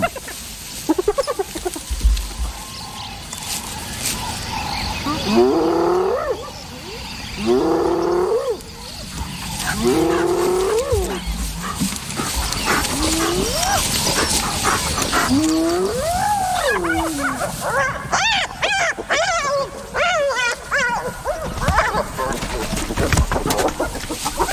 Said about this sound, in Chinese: 它们通过灵敏的嗅觉寻找食物，这激动的叫声表明它们有所发泄。这三只斑猎狗在争夺一根腿骨，可尸体的其余部分在哪儿呢？